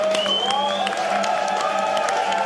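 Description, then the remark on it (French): A stadium crowd in Vancouver applauds the Swiss national anthem, a dense, loud wash of clapping with scattered sharp claps, while sustained tones of cheering or singing voices rise through it. “Et on applaudit l'hymne suisse quand même.”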